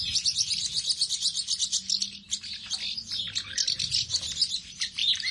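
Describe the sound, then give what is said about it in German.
Busy, continuous twittering of house martins, many birds chirping in rapid overlapping bursts, with a faint low hum underneath and no talking. “Die Mehlschwalbe ist der Vogel des Jahres.”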